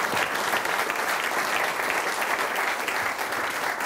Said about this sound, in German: Einen Applaus für die Erstwählerin